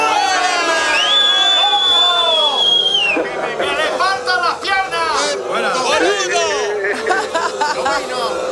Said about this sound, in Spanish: ¿Nos vas a permitir que te despidamos con este abucheo?